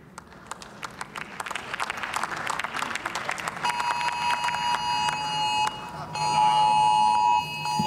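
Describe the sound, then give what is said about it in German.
Mobile phone emergency alerts go off together in the German Bundestag during a debate: rapid, clattering beeps at first, then several steady, high-pitched alarm tones layered on top of one another, growing louder and continuing without pause. “ja mit Sirenen in der Stadt sind diese Infotafeln dann nochmal bespielt worden und Handys, du hast es angesprochen.”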